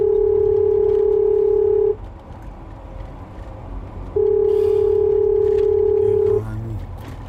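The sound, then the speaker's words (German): Two long, steady beeps of a phone's ringback tone while a call to a hospital (Klinikum) waits to connect, each lasting about two seconds with a pause between, over a low background rumble. “Verdammt, geh endlich ran.”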